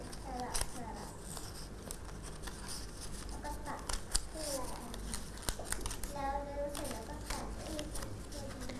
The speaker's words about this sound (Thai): จะจับด้วยมือข้างหนึ่งที่แม่แบบของเราให้แน่นจากนั้นมืออีกข้างหนึ่งจะจับกระดาษที่เป็นเส้นตรงสอดเข้าไปทำสลับไปเรื่อย